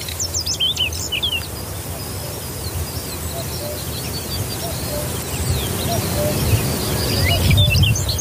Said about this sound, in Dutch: Ze neemt ons mee naar het Vochtelauerveen met de ochtendzang van het paapje, de kwartel, de veldleverik en de koekoek.